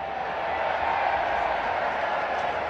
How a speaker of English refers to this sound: They're Bronx cheering their own pitcher. Well, they're probably mocking the umpire, but...